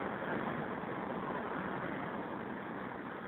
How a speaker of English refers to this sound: It's my favorite kind of payphone. It's like out in traffic, practically in traffic, right on the curb. Northern Boulevard and 41st Street.